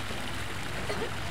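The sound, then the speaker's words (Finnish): Steady splashing water from a garden fountain with goldfish at Sanssouci, under a cloudless sky, a continuous hiss of falling droplets with no pauses, moderately loud throughout. “Suihkulähde.”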